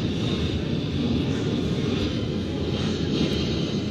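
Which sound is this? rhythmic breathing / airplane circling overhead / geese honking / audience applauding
airplane circling overhead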